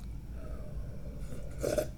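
A quiet sip of hot Earl Grey tea, a mix of black and green teas, from a huge 40-ounce teacup near the end, a brief airy slurp after a soft hint of one, set against low steady background hum with no talking.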